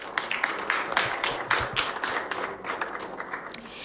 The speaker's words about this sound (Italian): Grazie, un applauso.